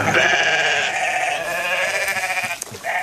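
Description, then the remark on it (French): Several sheep bleat loudly and continuously, their wavering cries overlapping as a flock calls over one another, with no talking; the sheep graze rare calcareous grassland in a national park. “Avec le mouton, le parc national prend donc soin de ses 200 hectares de pelouse calcicole, rare et menacée, un sol calcaire riche en biodiversité.”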